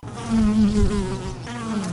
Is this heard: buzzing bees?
yes